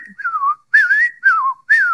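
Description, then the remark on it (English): A person whistles an imitation of an American robin's song: four short, clear phrases in quick succession, each warbling and sliding in pitch, none quite repeating the last, with no talking. “and the very first bird calling is probably a robin as it sings its song. Well, its song is just jumbled up.”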